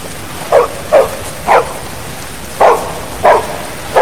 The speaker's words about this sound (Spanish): ¿A qué lata con estos perros?